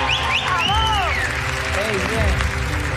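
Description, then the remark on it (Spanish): A crowd applauds steadily for about three seconds, a dense even clatter of clapping with voices calling out and cheering over it. “Un aplauso para ella.”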